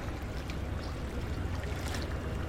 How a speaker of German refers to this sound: Weil es gab zwar immer schon Niedrigwasser, aber dies ist übertrieben. Und weil das so ist, muss ich mich auch auf der letzten Stufe der Rheintreppe in Duisburg-Ruhrort strecken, um wenigstens ein bisschen Wasserplätschern einzufangen.